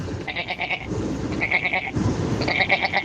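A goat bleats three times in quick succession, each cry a loud, wavering, quivering call, with brief pauses between and no talking.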